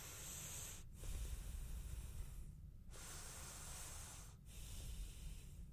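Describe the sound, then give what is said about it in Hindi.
Loud, deep breathing in a deep breath exercise done as a healthy ritual at the start of a programme: long, airy, hissing inhales and exhales with brief pauses between them, breathy and rough against the mic, with no talking. “आपको पता है प्रोग्राम की शुरुआत होती है एक हेल्दी रिचुअल के साथ, which is deep breath exercise, psychologically, emotionally and physically healthy रखता है हमें।”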